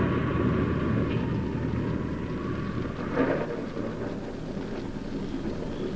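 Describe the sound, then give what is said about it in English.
A heavy thunderstorm roars steadily at midnight on a hillside near a village, with dense rain and gusting wind filling the space and a rumble of thunder swelling briefly midway through. No voices are heard. “The church bell had struck 12, and I started after her when the wind and rain struck with a fury I'd never known before. It raged so violently, I was forced to take refuge under a huge tree and wait for it to subside.”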